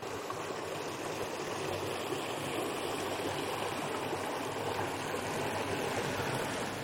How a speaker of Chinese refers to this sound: 观众朋友们呢，在经过了刚刚的急雨之后呢，目前咱们这个路侧排水渠中的水位大家可以看到已经有了一个明显的一个下降，而且这个水流的速度记者可以明显的感受到这个水流的速度已经放慢了。